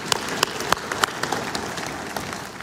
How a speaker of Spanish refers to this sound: Gracias, hermano. Denle un aplauso. Denle, denle.